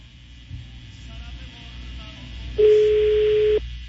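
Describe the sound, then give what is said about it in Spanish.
A single steady ringback tone from an outgoing phone call to a woman's home on Río Grande street, San Ángel Norte, sounds for about a second, loud and clear over a low background rumble with faint murmuring beforehand. “Ahí está sonando el teléfono”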